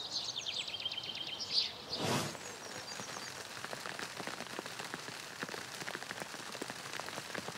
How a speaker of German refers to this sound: Also für alle, die nicht erkennen, was das ist, was da runterkommt, es ist Hagel. Es ist der schöne April 2024.